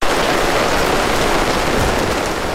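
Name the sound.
rain falling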